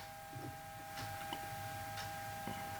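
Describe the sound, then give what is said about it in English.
A clock ticks faintly at a steady pace, soft clicks spaced about half a second apart over a constant low electrical hum, with no one talking, heard with the microphones turned up. “Hear the ticking of the clock.”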